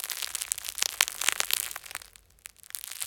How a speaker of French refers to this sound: Le pain est cuit. C'est donc ça, la délicieuse odeur de pain chaud. Tu entends ? Le pain croustille.